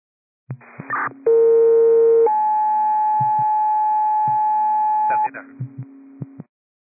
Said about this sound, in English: Now, would you like tones or no tones? Receive nature of call also. Tones, please.